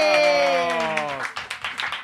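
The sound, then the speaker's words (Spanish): Audience applause congratulating guests on an award they received, with quick, steady, rhythmic claps, joined at first by a long sustained vocal tone that slides downward in pitch and then fades, leaving the clapping alone. “Un aplauso”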